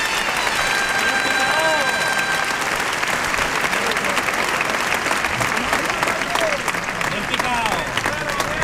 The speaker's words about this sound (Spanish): Bueno, la ovación que se está llevando Espartaco Picador. Claro.